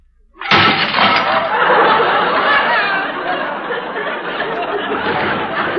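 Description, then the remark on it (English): A few dishes, including plates, soup bowls, cups and saucers, are dropped: a sudden loud crash of dishes breaking and shattering, followed by several seconds of sustained clattering and tinkling debris that slowly fades but stays fairly loud. “I merely dropped a few dishes.”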